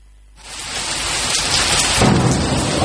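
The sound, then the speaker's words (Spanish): Steady rain hisses across a wide band after a quiet start, joined by a deep rolling rumble of thunder that swells near the end, loud with no voices. “Si lo tuyo es el campo, la lluvia tiene otro sentido para vos. Por cada gota que cae, una nueva historia rural.”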